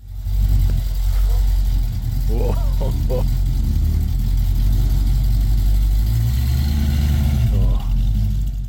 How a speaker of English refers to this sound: The Comet, classic car from the 1960s and 70s, this is what it sounded like.